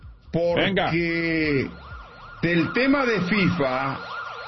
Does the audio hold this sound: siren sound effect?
yes